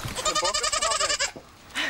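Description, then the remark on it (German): A Girgentana billy goat, due for hoof trimming and running off, bleats in one long, wavering, nasal cry with a rapid tremolo, then stops; a brief second call starts just before the end. “Der Bock geht lieber stiften.”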